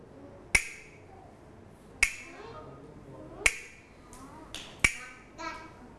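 A teacher's sharp hand claps set a slow, steady beat, four crisp strong claps about a second and a half apart, with a couple of softer, quicker claps slipped in near the end. The claps are rhythm signals (slow, fast and stop) for children's morning movement exercise.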